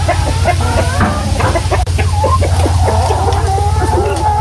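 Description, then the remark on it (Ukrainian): A dense flock of chickens clucks and squawks continuously, many overlapping calls, over a steady low mechanical hum like barn ventilation. “Але десь тепер кури, то не так.”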